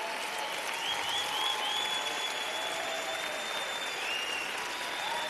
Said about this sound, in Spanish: Dele un fuerte aplauso al Señor Jesús.